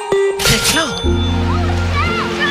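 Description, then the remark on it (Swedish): A single brief splash, like someone plunging into water, bursts out near the start, then steady sustained tones carry on underneath. “Trygg att kasta sig ut på öppet vatten.”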